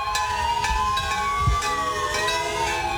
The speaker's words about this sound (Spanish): Empieza el homenaje en Cali, escuchan ustedes las sirenas, las campanas, las bocinas de los carros. Exactamente 7:34, un mes después del terremoto.